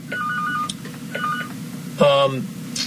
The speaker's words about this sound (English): I don't know what that phone was. There was a phone ringing here, but I don't know what phone it was.